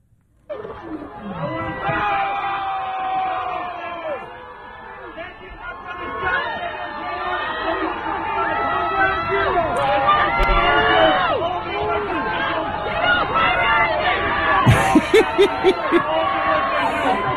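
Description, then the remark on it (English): A large crowd of New York police officers boos loudly and continuously as they boo the mayor of New York off the stage, many overlapping voices rising and falling with scattered shouts, sustained throughout, with a few sharp knocks near the end. “including members of the NYPD booing the sitting mayor of New York off the stage as he smiled through the whole thing, of course, because that's what he does.”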